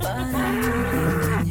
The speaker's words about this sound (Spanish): Y los toros bravos sonando, abuelita.